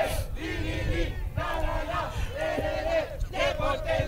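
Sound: stadium crowd shouting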